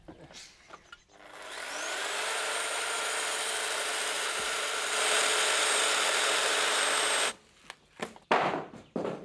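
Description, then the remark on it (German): A power saw, held by hand, spins up with a rising whine, then cuts a window opening steadily and loudly for about six seconds before stopping, followed by a few brief knocks and handling sounds. “machen wir halt zwei Fenster. Ein bisschen muss man sich dann schon konzentrieren und die Säge wegen festhalten.”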